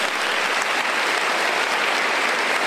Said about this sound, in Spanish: Dile un aplauso a Dios por eso.